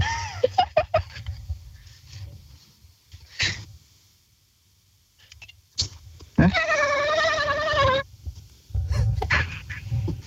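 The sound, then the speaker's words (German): A person imitates a dolphin with a high, wavering squeal held for about a second and a half, preceded by a few short clicky bursts and soft rumbling noise. “Okay, du hast ungefähr 3 Sekunden Zeit, um dir einen Delfin zu überlegen, wie der klingt.”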